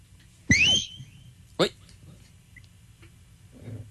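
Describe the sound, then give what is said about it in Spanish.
Two sharp, piercing, loud whistle blasts from a person calling an unruly group to order, about a second apart, over faint background murmur and a low hum. “Toca silbar, a ver si se aconductan.”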